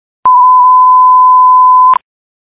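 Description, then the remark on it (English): A loud, steady fire dispatch alert tone for the Cleveland Fire Department, sending engines to a reported house fire, holds one unwavering pitch for nearly two seconds, with a click at its start and end, and no voices. “Fox Alarm for Cleveland Fire Department, 15708 Harbor.”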